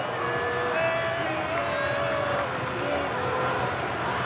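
A dense, steady roar of a stadium crowd of nearly 69,000 at a football match between Egypt and Iran in Seattle, with whistles and horn-like tones rising above the broad wash of cheering throughout.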